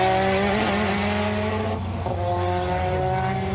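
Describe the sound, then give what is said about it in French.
During a test drive, a car engine roars loudly and steadily while tires squeal as the car slides, the pitch bending and wavering midway. No one speaks. “Ça glisse propre.”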